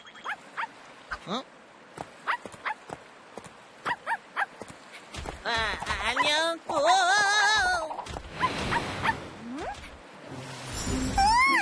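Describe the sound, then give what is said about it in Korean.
A robot dog gives a run of short, sharp yapping barks, then shifts into high, wavering whimpers and whines, with a person briefly speaking over it. “로봇 강아지잖아.”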